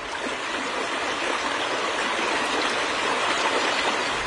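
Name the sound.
flowing river water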